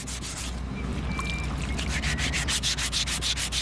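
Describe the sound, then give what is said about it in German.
A file rasps steadily against a stone sculpture, giving it its final form, in repeated back-and-forth strokes, a gritty scraping that grows into a brisk rhythmic pattern toward the end, with no one talking. “Nach dem Feilen hat eine Skulptur ihre finale Form.”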